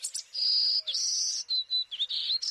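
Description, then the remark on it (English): A golden-cheeked warbler sings in Texas Hill Country, a high, buzzy song of drawn-out trills and short buzzy phrases, fairly loud, with no voices. “Boldly dressed in yellow, black, and white, these little birds and their buzzy song take center stage in Texas Hill Country.”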